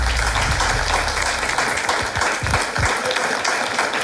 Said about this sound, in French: Félicitations les amis, on peut vous applaudir.